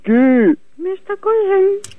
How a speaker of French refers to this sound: il rote seulement, il pète pas